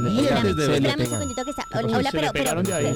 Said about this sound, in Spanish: Pero suéltelo un ya poquito. Suéltenle ese timbre, se hombre. Le pega. Me lo van a quemar un día de esto, sola, no friegue.